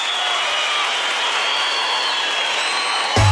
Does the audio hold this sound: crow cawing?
no